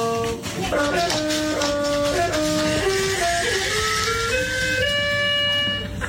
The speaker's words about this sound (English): It sounds like one of those little toy pianos that you give to kids. It is, but it's not a kid playing on it. It's a dog wiping his arse across it.